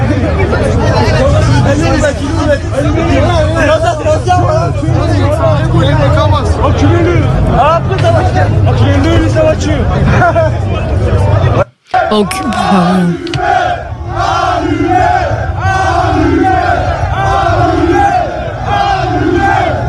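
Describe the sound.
A loud, dense riot crowd shouts and yells together in a chaotic outdoor clamor during clashes, voices overlapping; after a brief cut, the mass of voices resumes in a more rhythmic, chant-like pattern.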